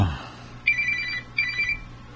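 A telephone rings twice in quick succession, a warbling electronic trill repeating with a brief pause between rings, clear against a quiet, low background.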